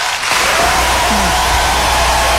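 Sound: applause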